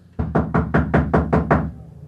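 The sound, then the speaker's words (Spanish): Seven heavy, rapid knocks pound on a door in a steady rhythm, loud, with no voices present. “Dejen de golpear y abriré la puerta.”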